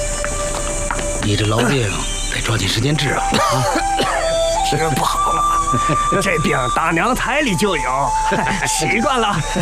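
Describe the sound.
A person coughs and clears their throat several times in rough, raspy bursts, close by, over a steady background of other voices and sustained tones.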